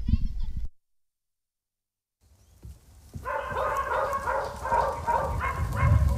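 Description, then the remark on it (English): A brief voice, then a pause, then several dogs break into a loud, continuous chorus of overlapping barks and yelps that keeps going to the end. “How many dogs are there?”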